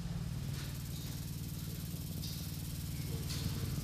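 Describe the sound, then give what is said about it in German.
A steady, continuous low-pitched vibrating hum from continuously vibrating sculptures drones throughout, with faint hissy rattles rising briefly above it a few times. No one speaks. “Und diese Skulpturen vibrieren fortwährend. Das müssen wir uns auch mal anhören und näher rangehen.”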